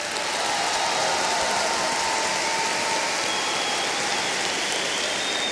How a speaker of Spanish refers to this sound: También les quiero pedir un aplauso para los técnicos del Bafona.